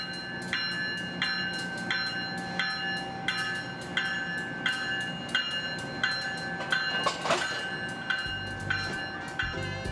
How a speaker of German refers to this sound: Pünktlich auf die Minute verlässt der Crescent den Bahnhof.